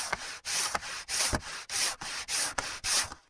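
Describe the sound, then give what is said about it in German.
A hand saw cuts out a piece of wood along a marked line in steady back-and-forth strokes, about eight rasping pulls in quick even rhythm, moderately loud, with no talking. “Vor allem dann, wenn man immer schön auf der Linie entlang sägen möchte.”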